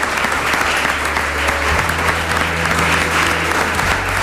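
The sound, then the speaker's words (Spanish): A crowd in Murcia applauds steadily during a La Brújula broadcast, a dense wash of clapping from many hands that holds at an even, fairly loud level throughout, with no one speaking over it. “Pues un aplauso, ya que no le hemos dado”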